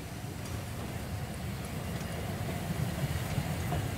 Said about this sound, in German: Wollen wir den Zug auch mal reinholen. Gucken wir mal nochmal, dass nichts im Wege steht. Und dann ziehen wir die Einfahrt. Und dann gehen wir raus und gucken, wenn der Zug einfährt.